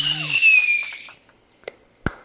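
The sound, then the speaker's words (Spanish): A fireworks sound effect: a hissing, whistling rocket streak that fades out, followed by two sharp, separate pops or bangs about half a second apart. “Ay, estoy esperando los cohetes artificiales.”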